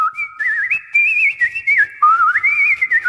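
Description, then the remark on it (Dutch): A nightingale on a bedroom windowsill sings, rendered as loud, continuous whistling, warbling and sliding between notes in quick trills and glides, with no talking, likely a person imitating the bird. “Daar op de vensterbank zat de echte nachtegaal uit volle borst te fluiten.”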